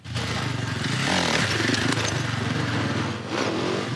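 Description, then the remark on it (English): A supercross dirt bike engine revs loudly and continuously as a World Supercross Championship rider shows off skills in a children's hospital parking lot in Calgary, its buzzing whine rising and falling with throttle blips over about four seconds, with no voices. “Riders from the World Supercross Championship are in town and put on a show for the kids getting treatment at the Children's Hospital.”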